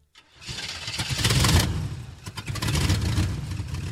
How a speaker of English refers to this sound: The truck left, carrying the man with the fedora.